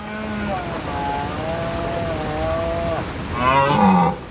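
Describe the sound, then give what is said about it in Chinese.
A European red deer stag roars during the autumn rut on the island of Rum: one long, drawn-out groaning bellow, then a second, louder and harsher roar, with no talking. “秋天到了，欧洲马鹿的发情期也如期而至。”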